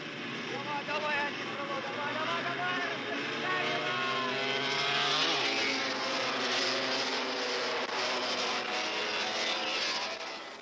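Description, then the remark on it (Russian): Several 350 cc sidecar racing motorcycle engines roar together at the start of a 24-lap race over 3 km laps, revving hard with pitches climbing and sweeping as they pull away, a loud continuous mechanical drone throughout with some wind noise. “Итак, старт! Впереди 24 круга по 3 километра.”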